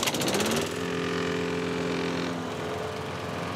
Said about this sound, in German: Sag mal, ich höre euch kaum wegen dem Rasenmäher beim Nachbarn.